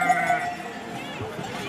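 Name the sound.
sheep bleating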